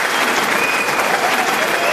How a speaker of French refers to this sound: Standing ovation. Des tonnerres d'applaudissements. Le public est debout pour l'acclamer.